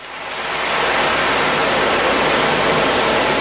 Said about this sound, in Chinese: 在蒲黄榆社区卫生服务中心安宁疗护病房里，海浪鼓轻轻摇动，模仿着海浪拍岸的声音。